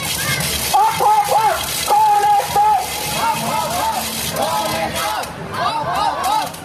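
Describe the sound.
A protest crowd marching past in the rain chants in loud, rhythmic bursts of shouted calls, answering a woman with a megaphone at the edge of the crowd, voices rising and falling together, over a steady wash of rain and splashing water.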